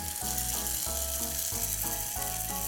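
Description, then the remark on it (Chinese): Steady, loud sizzling of sesame-topped food frying in a pan at a food stall as the lid comes off, with a shifting low mechanical hum running underneath and no one talking. “对，然后锅盖就起来了，接下来就是等， 等一下就等了， 就是 等出锅。”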